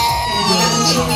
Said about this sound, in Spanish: Ha vuelto el ruido, el juego y el llanto a las aulas.